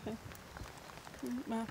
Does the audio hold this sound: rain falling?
yes